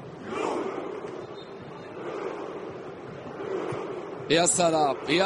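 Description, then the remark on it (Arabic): A large stadium crowd of Norwegian football fans roars and chants in a steady, broad wash of voices, doing a coordinated rowing routine, swelling in waves, with a clearer burst of rhythmic shouting near the end. “يا سلام على هذا الجمهور وعلى هذا الحضور، الابتكار طبعا الجمهور النرويجي لطرق التشجيع”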